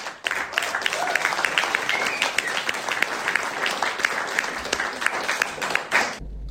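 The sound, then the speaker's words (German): An audience at a live music performance applauds steadily for about six seconds after a song, a dense wash of many hands clapping at an even loudness before it cuts off abruptly. “Noch mal Applaus auch für ihn.”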